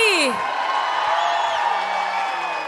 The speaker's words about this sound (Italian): applauso ancora più forte